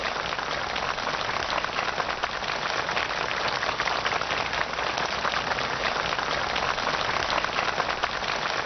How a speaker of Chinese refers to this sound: 在双方陪同人员和朝方学员们的热烈掌声中，习近平和金正恩在植树标志碑前握手合影。